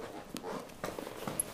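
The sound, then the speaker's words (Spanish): A woman readies her horse and cart to begin her work: a few irregular hollow clops and knocks, like hooves and wooden cart parts shifting, over a quiet outdoor background with no voices. “prepara su carro y caballo para comenzar su labor.”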